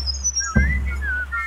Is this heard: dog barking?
no